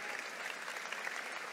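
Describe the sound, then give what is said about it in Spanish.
An audience at the Grace Español church applauds steadily, a dense, even wash of many hands clapping at a constant moderate level with no voices standing out. “Si le vas a aplaudir, hazlo fuerte, vamos, hazlo con fuerza.”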